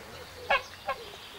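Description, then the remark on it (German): Two short, nasal honks from Stefan's domestic geese, three of which have escaped again and wandered to the pheasantry in a wildlife park, the first honk stronger than the second, over a low, steady background hum. “Stefans Gänse kennen offenbar kein Halten und sind schon wieder ausgebüxt.”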